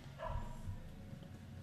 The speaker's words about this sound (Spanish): Hay un perro ladrando en la calle. ¿Sentí? Abrí la ventana. Hay un perro que está manifestándonos el retro.